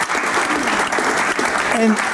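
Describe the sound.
A crowd applauds warmly for a professor being introduced, a steady dense clatter of many hands clapping throughout, with a brief voice-like tone rising near the end.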